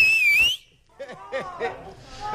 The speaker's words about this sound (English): I think even the phone went quiet afterwards because it was so loud. But have a listen to this. Even the dog went off the second time. Okay. Okay, I need your loudest whistle.